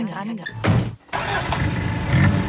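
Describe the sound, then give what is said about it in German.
A car engine cranks and catches after a brief pause, then settles into a steady rumble of the motor running as the driver sets off, with faint voice-like sounds at the start. “Und ich sitze nun im Auto und fahre zu einer Band, die es auch schon 40 Jahre gibt.”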